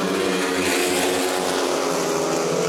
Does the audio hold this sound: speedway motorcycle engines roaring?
yes